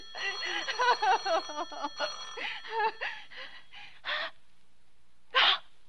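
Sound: telephone ringing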